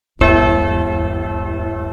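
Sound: church bell ringing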